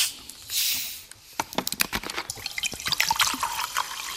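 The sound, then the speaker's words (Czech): A bottle of sparkling water is opened with a brief hiss, followed by a stream of liquid and a dense crackle of tiny popping bubbles as dissolved carbon dioxide comes out of solution, fairly loud, fizzing steadily to the end with no voices. “Jakmile snížím tlak tím, že tu láhev otevřu, tak se tam vysráží.”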